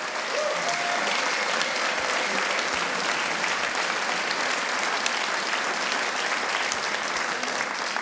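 An audience applauds steadily throughout, a dense wash of many hands clapping at an even, sustained loudness with no talking over it.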